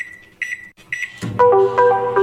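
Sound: microwave oven beeping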